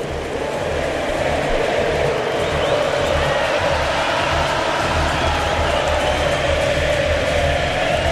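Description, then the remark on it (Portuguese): A huge crowd of Argentina fans in a stadium in Kansas, at the Argentina versus Switzerland football match, sings loudly and continuously, a dense roar of many voices chanting together with a steady rhythm and no pauses. “E o estádio do Kansas canta a torcida argentina.”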